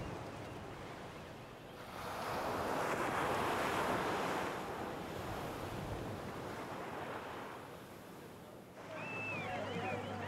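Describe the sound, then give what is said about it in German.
Surf rolls onto one of the kilometres-long sandy beaches of Socotra in a broad, steady wash that swells louder for a few seconds, then eases, with wind rushing over the shore and no voices. “Die kilometerlangen Sandstrände von Socotra gehören den Seevögeln und Reiterkrabben, die auf Futtersuche rastlos zwischen Land und Meer wechseln und bei der kleinsten Störung in ihren Sandburgen verschwinden.”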